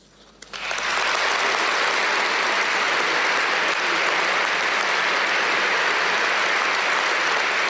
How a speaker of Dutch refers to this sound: Een groot applaus dus voor Paus Leo XIV in dit moment, dit pastorale bezoek aan de kathedraal van Napels.